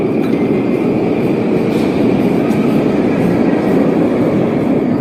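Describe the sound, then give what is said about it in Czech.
A loud, steady rumble of a subway train fills a Novosibirsk metro station, a dense low roar with faint metallic clatter and a thin high whine running throughout, and no voices. “Takhle tady vidíš, jak se vzchází do metra, jo?”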